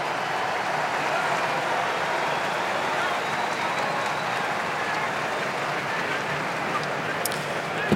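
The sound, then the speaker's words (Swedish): Steady stadium applause from a large crowd at a football match between Senegal and Belgium, given as Senegal midfielder Papgay is substituted off for Kamara. A dense unbroken wash of clapping holds at the same loud level throughout, with no talking over it. “Han får applåder i alla fall.”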